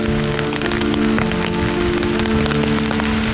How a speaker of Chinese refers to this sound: 如果你恰逢下雨时来到这里，那你会见到雨打在瓦片上，声音细细密密的，盐水连成线，在眼前挂了一道水帘。